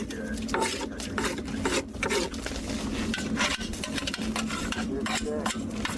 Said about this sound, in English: As the crane comes up, the jaws open, and the mud is scraped out with soup spoons into buckets and then transferred into sifting boxes where it's sprayed with water to reveal what's in it.